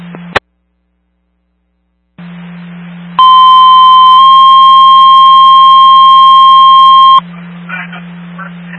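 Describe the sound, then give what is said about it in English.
A loud, steady two-part electronic dispatch radio cancel tone for apparatus rings out for about four seconds, shifting slightly in pitch partway through, over a constant low radio hum after a brief stretch of dead air. “You can set cancel tones for apparatus and I'll be available.”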